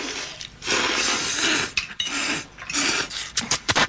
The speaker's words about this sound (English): Okay, that's a lot of slurping.